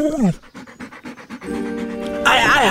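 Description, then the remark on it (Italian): A dog named Gaetano pants in a quick, steady rhythm of about eight short breaths, then a sustained voice and excited vocal sounds take over. “Ma pensa a te se sono in balia di una deficiente e di un cane assassino.”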